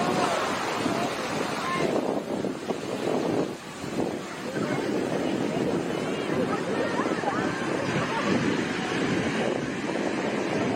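Heavy ocean surf of 10-foot (3.05-meter) waves with rip currents at Sea Brights Beach in Santa Cruz, U.S., roars continuously, waves crashing and churning with gusts of wind buffeting the microphone, loud and unbroken for the whole stretch.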